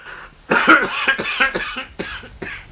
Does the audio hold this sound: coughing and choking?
yes